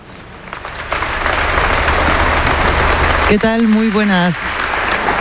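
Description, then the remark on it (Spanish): A crowd at the Abbey of Montserrat applauds, live, a speech given by Pope Leo XIV: a dense, loud wash of clapping that builds within the first second and holds, while a single voice rings out briefly over it near the end. “Lo que estás escuchando ahora mismo en directo son los aplausos al discurso que ha dado su santidad el Papa León XIV aquí en la Abadía de Montserrat, un evento que te llevamos contando durante toda la mañana.”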